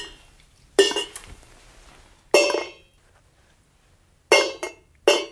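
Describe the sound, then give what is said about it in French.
Five pieces of dry kibble, two on the left and three on the right, drop one at a time onto dishes during an animal cognition test, each making a sharp, bright clink with a brief ring. The drops are irregularly spaced, with a quick pair near the end and no talking. “l'idée, c'était vraiment de les faire tomber pour qu'il y ait du son”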